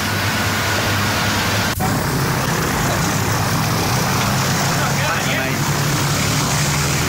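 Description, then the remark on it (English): A propeller aircraft's engine drones steadily in flight north from Cairns, a loud, continuous roar with a low rumbling hum underneath and a brief click early on. “When you travel north from Cairns and you've got to do a show in a different Aboriginal community every night, there's only one way to go, and that's by plane.”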